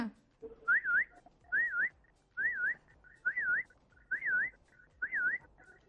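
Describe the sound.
A child's voice, an eighth-grade student performing voice mimicry, imitates a car reversing alarm, whistling a wavering, siren-like tone in six evenly spaced bursts with short pauses between them, fairly loud.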